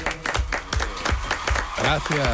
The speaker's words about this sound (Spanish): Bueno, quien no ha querido perderse el estreno de esta nueva temporada de Radio Ficción es Sergio del Molino. Por favor, un fuerte aplauso para Sergio.